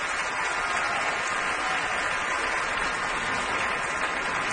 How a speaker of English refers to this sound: He's applauding the orchestra.